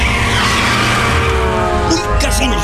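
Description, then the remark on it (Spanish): A car skids with a loud, sustained tire screech and engine roar for about two seconds while overtaking across a double yellow line in traffic, then a burst of harsh clattering noise as it crashes at the end. “Nos damos.”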